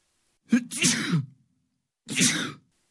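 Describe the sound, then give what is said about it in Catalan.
Two loud sneezes with a pause between them. The first starts with a short voiced wind-up before the breathy burst; the second is a quicker, sharp explosive blast. No talking. “Atxim, amb un X, A-T-X-I-M.”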